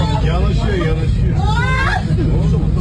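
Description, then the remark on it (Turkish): A dense hubbub of many agitated passengers' voices overlapping at once, with raised, anxious-sounding cries rising above a constant low rumble, loud throughout, as an İDO sea bus on the Istanbul–Mudanya route strikes the Mudanya pier while docking. “Tabii bir panik beraberinde geliyor haliyle. Kısa süreli bir panik.”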